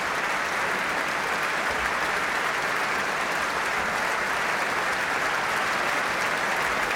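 Sustained, dense applause and a standing ovation from a large concert audience in Amsterdam for pianist Yefim Bronfman with the Concertgebouw Orchestra, after his encore, Schumann's Arabeske in C, Op. 18. It is steady and loud throughout as countless hands clap together without pause.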